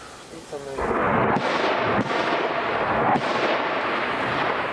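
A brief voice on a phone call with a Ukrainian soldier fades under a sudden loud, roaring rumble of explosions near a front line in Ukraine, with three sharp blasts cracking through at uneven intervals over the sustained booming.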